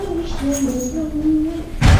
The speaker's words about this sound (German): Oh, ich höre ihn schon an der Tür.